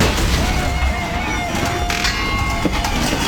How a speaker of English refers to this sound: Does your garage door sound like that? That's not normal. That's a failure waiting to happen.